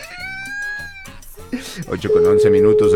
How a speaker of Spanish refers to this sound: Ahí está timbre, timbre.